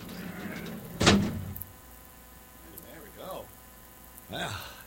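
A heavy door swings shut with a single loud, deep thud that rumbles briefly before fading, followed by a few quieter, muffled sounds in the background.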